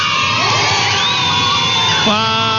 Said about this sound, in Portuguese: Palmas pra todo mundo! E palmas pra quem participou!